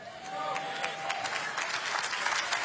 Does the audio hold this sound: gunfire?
no